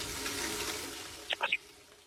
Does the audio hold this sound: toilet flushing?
yes